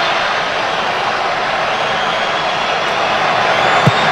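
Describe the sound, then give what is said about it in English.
A huge stadium crowd roars and cheers as Ismaël Sabari's kick wins the penalty shootout for Morocco, a dense, unbroken wall of noise that holds steady throughout, with a brief sharper burst near the end. “Crowd goes wild.”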